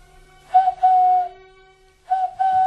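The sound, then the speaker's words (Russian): A person whistles a birdlike call twice as a prearranged signal. Each call is a short note followed by a longer, steady held tone at a clear, fairly high pitch, with a pause between calls and no talking. “Нет, нет, родная, это не птица, это мой друг Горвинал.”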